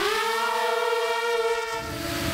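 A loud, steady buzzing whine of an FPV drone, a sustained high-pitched tone with rich harmonics that holds nearly level and shifts slightly in pitch toward the end, with no voices.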